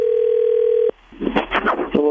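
A steady, low telephone dial tone hums for about a second, then cuts off into a brief burst of scratchy line noise and dialing sounds before a short tone returns, as a woman places a phone call to her husband.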